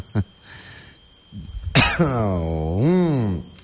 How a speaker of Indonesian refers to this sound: Ditambah batuk juga nih, batuk Pak Haji.